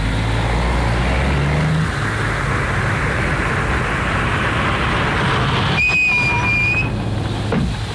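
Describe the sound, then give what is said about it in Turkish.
A taxi drives along, following the car ahead, with a steady, loud rumble of engine and road noise, joined near the end by a brief high-pitched squeal. No one speaks. “Taksi! Taksi! Taksi!”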